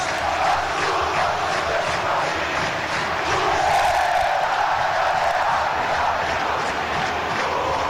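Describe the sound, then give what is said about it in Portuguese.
At São Januário stadium after the match, fans in the stands and players on the field sing the Clube de Regatas Vasco da Gama anthem together: a loud, sustained mass of voices, a steady roar of chanting with faint melodic swells and no break for the full eight seconds. “Os jogadores estão cantando junto com a torcida, lá no campo, os jogadores e a torcida aqui na arquibancada cantando o hino do Clube de Regatas Vasco da Gama.”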